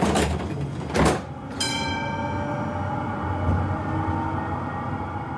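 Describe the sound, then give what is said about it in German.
A Munich tram's door slides with a brief thump, then a steady, rising electric motor whine with tonal hum sets in as the tram pulls away, over constant low rumble. No one speaks. “Also, nehmen Sie bitte Platz, machen Sie es sich gemütlich und dann fahren wir ab.”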